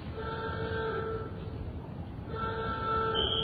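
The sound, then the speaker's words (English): A loud, steady warning horn sounds in two long blasts separated by a short break at a demolition site before a factory chimney is blasted, its harsh tone ringing over a rumbling outdoor background. “Sound the alarm.”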